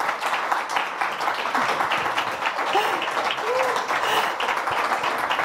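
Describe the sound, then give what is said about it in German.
Steady, dense audience applause as a guest comes onto the stage, filling the whole stretch, many hands clapping at a fairly even loudness with a faint voice or cheer briefly rising through the noise. “Ja, erstmal den Applaus abholen und genießen.”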